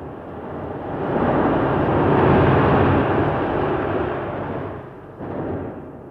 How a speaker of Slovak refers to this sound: Sme znova na lodi. More, vichrica.